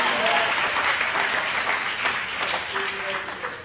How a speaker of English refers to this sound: If that's you, clap your hands for the Lord.